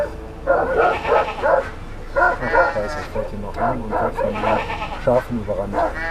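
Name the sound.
guard dog barking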